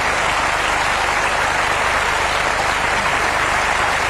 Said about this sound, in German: Ja, manchen Applaus muss man auch verdienterweise, finde ich, immer noch eine Weile laufen lassen, weil es nicht nur Applaus ist, es gehört ganz zwingend zum Lied.